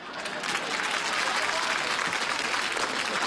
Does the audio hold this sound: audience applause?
yes